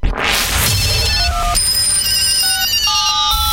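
A telephone rings with a bright electronic ringtone in an advertisement on Vahon Hindustani Radio, a run of steady high beeping tones in shifting pitches, over a low rumbling bed of sound with no voices.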